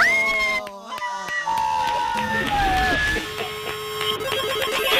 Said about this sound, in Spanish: Ese grito